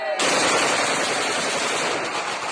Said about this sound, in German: Dann fallen Schüsse, Balofiers, Freudenschüsse.